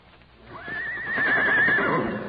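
A horse in its stall lets out a single loud, quavering neigh that rises and wavers for over a second before trailing off, with a faint low rumble underneath and no one speaking.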